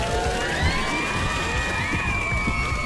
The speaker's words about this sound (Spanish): Por favor, aplausos de nuevo a esos matrimonios, de los de antes, de los buenos, de los bonitos.